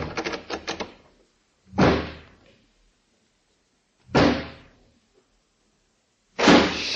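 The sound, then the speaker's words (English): A quick burst of rattling, then three heavy door thuds spaced a couple of seconds apart, each loud with a short echoing decay, and no voices, as a door is locked from the outside with keys. “I'll lock this door on the outside.”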